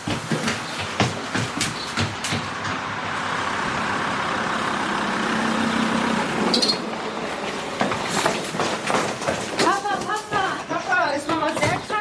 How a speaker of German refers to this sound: Da kommt dein Auto auf den Hof gefahren. Ja, Papa ist da.